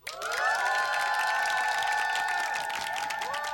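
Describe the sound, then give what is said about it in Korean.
A crowd bursts into loud, steady applause mixed with cheering and excited shouts, sustained at full strength for a few seconds as a canned celebratory effect. “기상에 성공한 모든 분들께 박수!”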